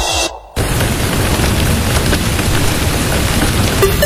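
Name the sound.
heavy rain with thunder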